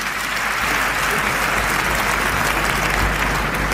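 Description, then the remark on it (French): Sustained audience applause at the 1992 César awards ceremony as Jacques Dutronc receives the César for best actor, a dense, even wash of many hands clapping at steady loudness throughout, with no voices standing out. “Bon, je ne veux pas remercier tout le monde parce que ce serait trop long, mais déjà vos applaudissements en disent long.”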